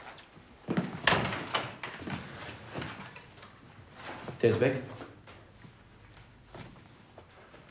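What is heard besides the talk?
door being shut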